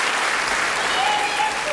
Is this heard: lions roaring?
no